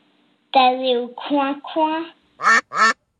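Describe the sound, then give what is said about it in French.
A voice imitates a duck: a few drawn-out, nasal quacking sounds followed by two short, sharp quacks in quick succession, clear with no other background noise. “T'allais au coin-coin.”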